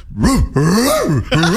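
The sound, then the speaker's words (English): A person vocally imitates a dog's bark as three strained, wheezy, groaning yelps in quick succession, loud, with rising and falling pitch and a raspy, breathy edge. “It's either giving a dog in puberty or a dog about to die, fool.”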